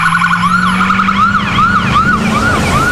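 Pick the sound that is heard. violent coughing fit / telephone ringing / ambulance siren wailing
ambulance siren wailing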